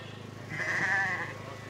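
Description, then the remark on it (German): A single sheep in a shearing shed, grabbed to be shorn, lets out a wavering bleat lasting under a second, over a low steady background hum with no talking. “Jetzt fehlt nur noch ein Schaf. Fabian packt ein Schaf mit Schwung.”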